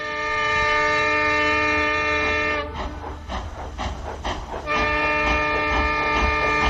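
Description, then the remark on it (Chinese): A loud, sustained train whistle blares twice, broken by a few seconds of rumbling, clattering rail noise as the train moves off. No one speaks. “随着汽笛的鸣叫，火车开走了，一切又重新清寂下来。”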